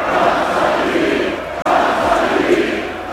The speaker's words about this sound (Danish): Ja, kom så de vi, blev der råbt, sunget og grædt i går, da byens danske fodboldmester blev fejret, og det officielt var AGF's tur til at løfte mesterskabspokalen for første gang i 40 år.